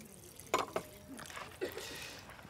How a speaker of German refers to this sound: Mache ich noch ein bisschen Wasser drauf, das auch gut abkühlt.